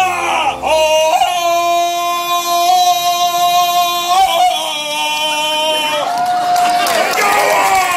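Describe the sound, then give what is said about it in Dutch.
A contestant in a Tarzan-yell contest, in a costume resembling Fred Flintstone, lets out a loud, drawn-out Tarzan-style yell, his voice imitating the jungle call. The wailing cry holds high and breaks in pitch several times over about eight seconds. “Maar zijn schreeuw kan wel tellen.”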